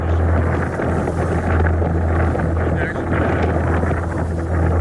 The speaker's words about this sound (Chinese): 我注意到周围突然刮起了狂风。 这样的大风能让你丧命？